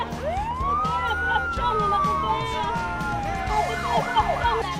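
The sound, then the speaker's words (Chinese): A court police car siren wails as it clears the way for a car taking a sick young child to hospital. A long rising and falling sweep gives way to fast yelping cycles, over rumbling traffic noise and faint voices in the background. “幼儿突发疾病急需送医，热心车主鸣笛接应，法院警车开道护航。”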